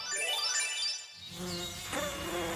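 A thin, high mosquito whine buzzes steadily for a couple of seconds, its pitch swooping up and down as if the insect circles. No voices.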